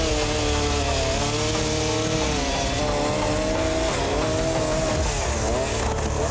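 A chainsaw engine runs loudly and continuously indoors in a farmhouse living room, its buzzing pitch wavering and dipping as it revs, with no pauses for the whole stretch.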